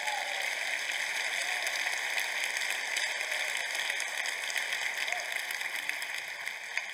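A crowd applauds in a dense, steady wash of clapping that holds an even level for about seven seconds without fading, with scattered sharper claps standing out.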